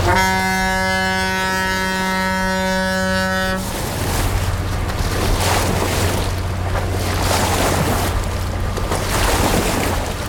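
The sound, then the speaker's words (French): A large boat passes on a river: a loud, steady tonal blast cuts off abruptly, giving way to a low engine rumble under continuous rushing, splashing water from the big waves of its wake. No one speaks. “Et il y a aussi des monstres beaucoup plus conséquents qui passent et qui font des grosses vagues.”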